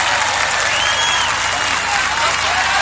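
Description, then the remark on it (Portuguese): A crowd applauds loudly and steadily for the charity of donated food collected at the event, a dense wash of clapping that holds at full strength for the whole stretch, with faint cheers or voices mixed in underneath. “Uma salva de palmas para a caridade que aconteceu aqui.”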